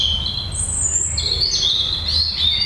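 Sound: european robin singing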